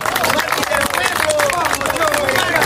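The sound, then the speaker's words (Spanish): A crowd at a rally in Plaza San Martín applauds the martyrs of democracy, a dense wash of clapping that stays loud the whole time, with voices and scattered high whistles mixed in. “Por eso, palmas para nuestros mártires de la democracia.”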